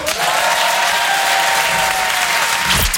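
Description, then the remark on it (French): Sustained audience applause at a comedy sketch, a dense wash of many hands clapping at steady loudness throughout, with a faint whistle-like tone running through it and no speech. “Et dans un sketch, à quel moment il applaudit le public ?”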